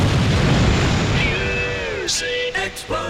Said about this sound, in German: Explosion.